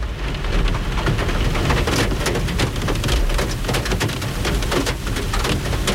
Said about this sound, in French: Et puis là, il pleut, ça va pas nous aider.